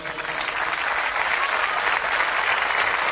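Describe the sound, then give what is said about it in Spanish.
A crowd applauds a band's musicians, clapping loudly and steadily in a dense unbroken wash of many hands at once with no pauses, holding the same strong level throughout. “Fuerte el aplauso.”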